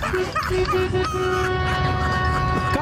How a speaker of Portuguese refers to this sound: Olha o buzinaço aí